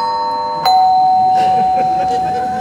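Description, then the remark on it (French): A doorbell chimes: one higher tone, then a lower tone that rings on steadily and loud to the end, with faint voices murmuring underneath. “Bon, attends, je vais ouvrir, je vais m'éclairer, elle doit être sous la douche, elle doit pas entendre, je pense.”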